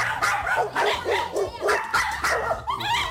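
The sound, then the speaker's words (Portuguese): Several dogs at a kennel bark and yip continuously, overlapping one another in a busy chorus with a steady low hum underneath. “Viemos ao canil, são vários cães.”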